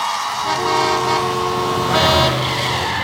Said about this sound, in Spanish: El tránsito. Si estás harto de los que no avisan sus maniobras. El tránsito. Harto de los que de pronto se te cruzan o frenan para doblar.